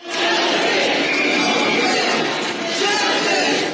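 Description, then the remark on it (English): A large crowd chants "justice for Nolan Wells" together at a protest, a loud, dense wall of many voices that holds steady for the whole few seconds with no lulls. “You're hearing the crowd gathered earlier today chanting justice for Nolan Wells after his family released the results of an independent autopsy.”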